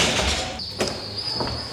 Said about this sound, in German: Die Tür ist auf.